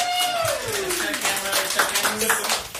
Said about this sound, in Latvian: Pat viņi sev arī aplaudē.